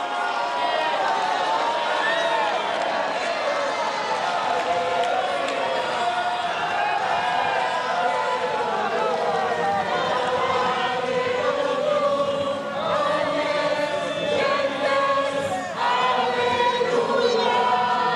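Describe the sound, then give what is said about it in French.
A large crowd at Notre-Dame de Paris cathedral cheers and shouts joyfully as Pope Leo XIV comes down from the podium after solemn vespers and moves toward them. A dense, steady, loud roar of many voices throughout, with individual calls rising out of the mass now and then. “Et puis il va s'avancer vers la foule qui évidemment crie sa joie.”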